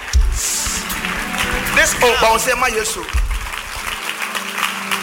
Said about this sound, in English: Somebody rise up and wave your two hands and say, Jesus. Clap for Jesus.